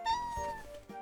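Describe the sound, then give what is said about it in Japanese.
A cat meows in a cat cafe: one drawn-out, wavering meow, fairly loud and clear, ending with a short extra sound. No voices are heard. “猫カフェってリラックスできるよね。”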